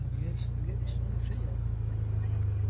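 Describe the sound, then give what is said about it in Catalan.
A car engine runs loud with a deep, steady rumble that swells slightly toward the end, while people talk quietly over it. “Farà un pont de renou? Sí, dale.”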